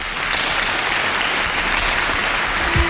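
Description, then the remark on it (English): Steady, dense applause from an audience, a continuous wash of many hands clapping at an even level throughout, with no voices standing out. “I'm basking in it. Basking in the applause.”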